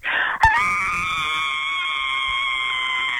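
A woman caller from Drewvale gives a piercing, high-pitched scream held steadily for about three seconds after a brief sharp onset. It is loud, with no talking.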